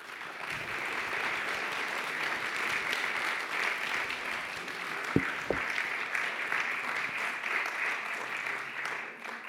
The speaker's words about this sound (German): Ich bedanke mich bei unseren Gästen, dass sie hier waren. Nochmal einen dicken Applaus.